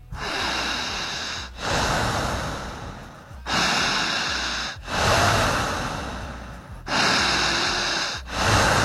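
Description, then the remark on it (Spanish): Loud, forceful panting breaths drawn and pushed only through the mouth in a steady rhythm during a timed group breathing exercise, each long rushing inhale or exhale separated by brief pauses, without any talking. “Jalando el aire solamente por la boca. La respiración tiene que ser potente, jadeante.”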